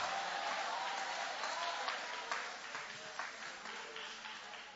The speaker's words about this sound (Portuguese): Levanta a mão e vai aplaudindo o nome dele com alegria.